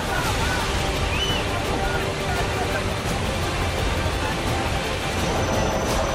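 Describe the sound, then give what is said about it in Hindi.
Loud, steady roar of rushing floodwater after a cloudburst in Kargil, Jammu and Kashmir, India, sweeping away trees and vehicles, churning without a break, a dense wash of noise that fills the whole stretch, with faint muffled voices buried beneath it. “बादल फटने से यहां पानी का ऐसा उफान आया कि पेड़ और गाड़ियां तिनके की तरह बहती नजर आई।”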